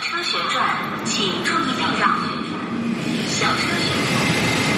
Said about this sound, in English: I'm not sure if you can hear clearly behind me, but that is the sound of the swirling, twirling movement of a robot arm. These robot arms need human hands. They drill, they check.